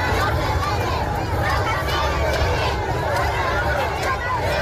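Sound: crowd shouting and cheering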